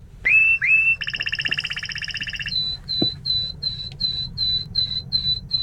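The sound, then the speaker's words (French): A male songbird sings: a couple of short introductory notes, then a dry buzzing rattle, followed by a steady series of clear, high repeated whistles over faint background noise. “Il y a quelques notes d'introduction, puis ce son de crécelle, et puis après ce sifflet.”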